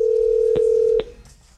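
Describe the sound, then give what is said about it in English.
A steady telephone tone hums for about a second, broken by two short key-press beeps as a call is placed to a listener who sent a text, then cuts off and fades into quiet line noise. No one speaks. “So I am now going to give our texter with Wednesday a call.”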